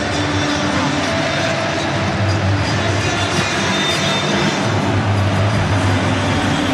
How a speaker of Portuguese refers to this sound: Olha que festa! O barulho aqui no estádio é ensurdecedor. Torcida brasileira faz uma festa incrível.